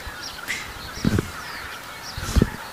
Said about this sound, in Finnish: Mutta siinä meni hanhia meidän edestä oikein hienosti. Joo. Tundrahanhia. Siinä oli valkoinen otsakilpi.